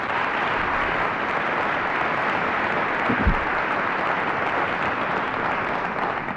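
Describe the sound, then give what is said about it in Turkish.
Steady, dense applause from a large studio audience welcoming the evening's guest, a retired Turkish folk music singer, fills the whole stretch, loud and continuous with many overlapping claps, no voices rising above it. “Alkışlarınız … için.”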